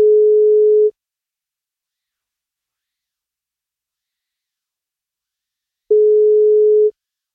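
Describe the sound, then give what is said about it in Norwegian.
Telephone ringback tone of an outgoing call placed by the NFM radio show to a listener for a birthday greeting: two steady, mid-pitched one-second beeps separated by about five seconds of silence, with no voices. “Han blir 41 år I dag, og vi får prøve å ringe.”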